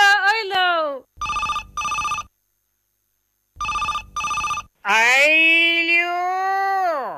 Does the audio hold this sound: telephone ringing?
yes